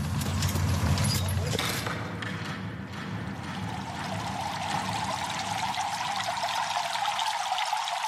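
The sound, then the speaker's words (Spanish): Water pours and splashes steadily throughout in the bathing building of Roman baths, where people come to bathe in cold, warm and hot water. A continuous rushing flow, with faint background voices and occasional clatter mixed beneath it. “Estamos en el edificio de las termas. Aquí viene la gente a bañarse, pero a bañarse de una forma muy especial.”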